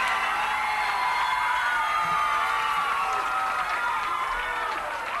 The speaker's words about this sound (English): No, it wasn't me they were screaming about.